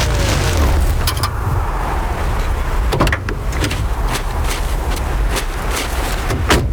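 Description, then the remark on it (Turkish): Car door locks clunk shut with a scatter of sharp mechanical clicks, heard over the steady low rumble of a running vehicle. “Araba kilitlendi.”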